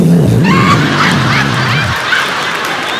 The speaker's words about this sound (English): Was that a flush? You've been on the toilet the whole time?